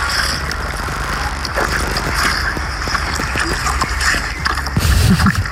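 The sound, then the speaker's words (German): A donkey chomps on ice-cold watermelon given as a summer refreshment, with wet, irregular smacking and crunching bites over a steady low background rumble. “Der hat natürlich angefangen dann zu schmatzen, als die Bettina um die Ecke kam mit eisgekühlten Wassermelonen.”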